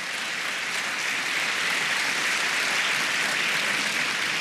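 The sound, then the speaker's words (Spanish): A church audience claps for the Lord steadily for several seconds, a dense, continuous wash of many hands with no single beats standing out, fairly loud and with no voices over it. “Si va a aplaudir, le aplauda con gozo.”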